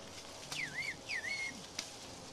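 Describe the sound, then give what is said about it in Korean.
A person over in another field on a hillside whistles a reply in whistled language, two swooping, melodic phrases in quick succession, faint and thin against a quiet outdoor background hiss, with no talking. “저쪽에서 휘파람으로 답변이 왔습니다.”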